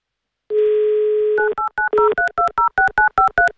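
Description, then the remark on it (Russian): During a live Avtoradio broadcast, a steady dial tone hums for about a second, then a quick run of about eleven two-note touch-tone beeps dials a contest participant's number in an even, rapid rhythm, with no voices. “Итак, звоним участнику.”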